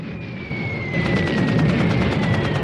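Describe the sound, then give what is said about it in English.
Rapid, evenly spaced bursts of automatic gunfire from weapons fired from planes rattle over a steady droning roar with a thin high whine. The gunfire grows louder after the first second and continues without pause. “Color footage of automatic weapons being fired from planes and bombs dropping from their undercarriages.”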